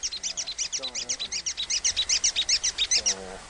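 A swiftlet's echolocation call: a fast, steady train of sharp, high-pitched clicks, roughly eight per second, sounding clear, with faint lower warbling calls in the background.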